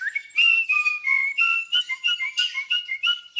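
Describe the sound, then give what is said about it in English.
A bird sings a quick, continuous run of bright whistled notes, with short chirps and trills rising and falling in pitch, fairly loud with no voices. “Oh, stop it, you naughty birds.”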